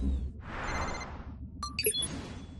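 A soft whooshing sweep gives way to a brief electronic ringtone, a few bright tonal beeps chiming clear over a low background hum, with no one speaking; it is an incoming call from the Super Pets in Shantao, China.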